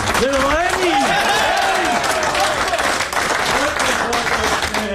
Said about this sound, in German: Einer, der weiss, wie man gewinnt. 20-fache Grand Slam-Sieger, der Roger Federer, ist in den Garderobe gegangen. Genau. Und mit Empfang und viel Applaus empfangen worden.